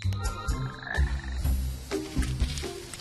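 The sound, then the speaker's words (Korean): Frogs croak in a steady, overlapping chorus of low throaty calls, with repeated pulsing croaks filling the short clip and no voices present. “개구리라도 잡아보려 했는데 놓치고”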